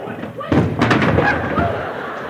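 A door bursts open and Ugi trips over the threshold and sprawls on the floor: a sudden loud thud followed by a short scuffling clatter that settles into a rustling tail.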